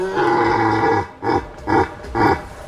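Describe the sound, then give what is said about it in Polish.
A red deer stag bellows in its rut in the Beskid forests: one long, rough, deep roar followed by three shorter grunting roars in a steady rhythm, loud and with no voices. “w beskidzkich lasach słychać już pierwsze godowe odgłosy jeleni”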